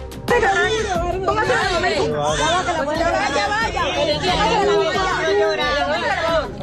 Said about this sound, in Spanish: El sonido del primer llanto de un recién nacido, nuevos latidos de vida que se abren paso entre las ruinas.